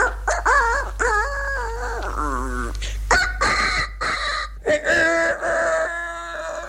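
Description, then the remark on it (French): A person imitates a small rooster, giving a series of high, warbling crows one after another, fairly loud over a steady low hum. “Et puis alors, il y en avait des plus petits.”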